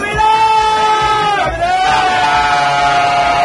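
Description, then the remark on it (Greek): A loud crowd of England football fans holds an all-night party outside the Azteca stadium after their national team's win over Mexico, with steady cheering and yelling and sustained horn-like tones running over the roar throughout. “Οπαδοί της Αγγλίας έστησαν ολονύχτιο πάρτι έξω από το στάδιο Ατζέκα μετά την νίκη της εθνικής τους ομάδας.”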